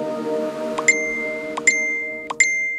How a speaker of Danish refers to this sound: Ja, det her, det er da en velkendt lyd for de fleste, og de fleste tager sig også til lommen, når de hører telefonen plingelinge.